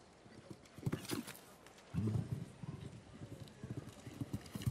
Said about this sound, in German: Und das Pferd hier macht sich fast 5 Meter lang in der Galoppade.